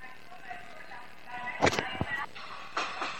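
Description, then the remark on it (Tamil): A passenger train moves through a railway station with a steady mechanical rumble and a few sharp clanks, while voices murmur in the background. “இது என் ட்ரெயின் இல்ல, இது நிறைய பேர் போற ட்ரெயின்.”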